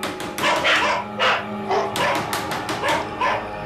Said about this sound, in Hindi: कहीं से श्वान का एक जोड़ा भौंकता हुआ सामने आ गया।